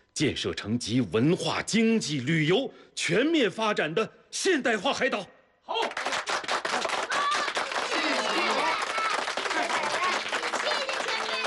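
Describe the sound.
A voice speaks briefly, then a crowd breaks into warm, sustained applause thanking elder pioneers of Dachen Island, a dense steady wash of many hands clapping that carries on for several seconds to the end.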